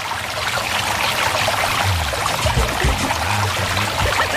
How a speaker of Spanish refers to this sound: el sonidito del río. ¿Cierto, eh? Nos transportamos a algún río aquí. Cierto, allá en Pance, así bien rico. Las piedras, los pajaritos. Ahí tranquilito, reposadito. Viendo el agua correr, relajado.